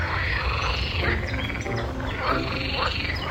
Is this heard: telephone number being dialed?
no